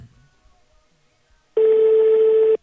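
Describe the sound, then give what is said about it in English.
A single steady electronic phone ringback tone, from a call being placed during a live radio broadcast, sounds for about a second after near silence, a clean sustained pitch at moderate loudness with no talking over it. “I pray make the line connect. Okay, he does the ring.”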